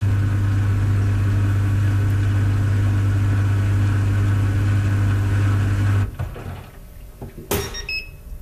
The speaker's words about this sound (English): European small dryer with some confusion. Yeah. Okay. Let's listen to that because now I'm really curious what this dryer sounds like.